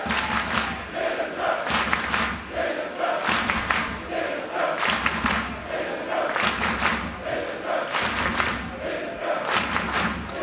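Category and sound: crowd, football stadium crowd cheering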